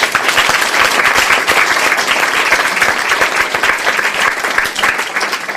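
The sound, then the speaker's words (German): An audience applauds the writer Roman Israel steadily, a dense wash of many hands clapping at a loud, even level for several seconds, with no voices standing out. “Applaus für Roman Israel!”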